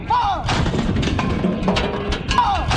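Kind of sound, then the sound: impact, artillery cannon fire booming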